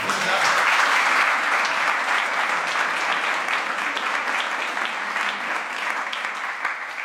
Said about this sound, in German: Ich freue mich, dass Sie da sind. Sie kriegen jetzt einfach noch mal einen Applaus.